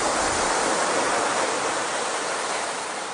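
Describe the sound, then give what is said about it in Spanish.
Steady, continuous rush of sea waves, a broad hiss of surf with no distinct individual breakers, even in loudness, easing slightly at the very end. No voices. “te he puesto aquí un cortecito del mar para que hablemos de Enrique el Navegante”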